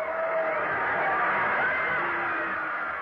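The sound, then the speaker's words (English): A large crowd roars continuously at a football game between Newton Center and Riverdale, a dense wash of cheering and shouting voices that stays loud and steady throughout. “Listen to that crowd.”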